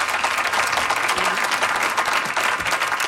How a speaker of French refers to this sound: Lui aussi, on l'applaudit bien fort. Formidable musicien.